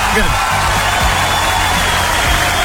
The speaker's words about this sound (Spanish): A todos los bomberos, los chicos buenos, carabineros, PDI, Ejército de Chile, a todos ellos, ¿cierto? Un aplauso, pero así, eso.